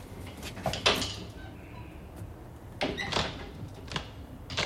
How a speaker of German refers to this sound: Was treibt die denn da? Das hörst du doch. Da ist ein Schrank aufgebrochen. Und warum? Weil sie keinen Schlüssel hat, du Dussel.